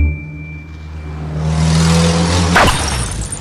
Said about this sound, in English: What just happened? The car crashed into a petrol shell.